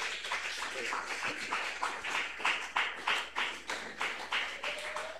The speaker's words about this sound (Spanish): Ya está presente el coro de hermanas, señora de la iglesia pentecostal La Cosecha del caserío Pasaje Sur. Y lo presente la recibimos con fuertes aplausos para el Señor Jesús.